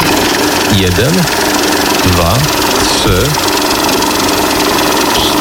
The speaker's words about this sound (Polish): Bo mamy tu taki stos pieniędzy, on czeka na was tutaj w RMF FM, a co to jest? Co to jest? Przeliczarka, ja muszę wiedzieć, ile tam dokładnie jest.